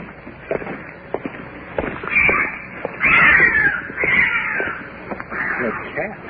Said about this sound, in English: What is that? It's a cat. Is that what it is?